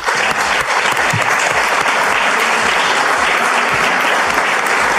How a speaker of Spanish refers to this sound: Bueno, muchas gracias al diputado Alejandro Grillo. Primero que nada, renovemos el aplauso, porque de verdad que...